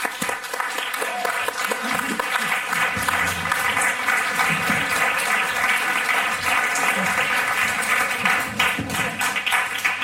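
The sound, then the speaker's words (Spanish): Sustained audience applause welcoming the writer and journalist Cristina Fallarás. It is a dense, steady wash of many hands clapping at an even loudness for about ten seconds, with some crowd murmur underneath. “Recibamos con un fuerte aplauso a la escritora, periodista y cazavampiros, Cristina Fallarás.”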